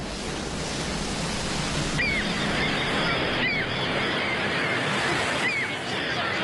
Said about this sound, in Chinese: 这是大海，军港。